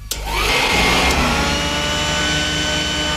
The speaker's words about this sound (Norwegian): Det høres nesten ut som en hårføner, men det altså støvsuging som mitt bidrag I gårsdagens lyd.